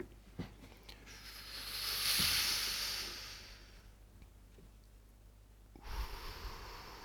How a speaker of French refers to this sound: Expiration. On inspire. Et on expire. Et on expire. On inspire.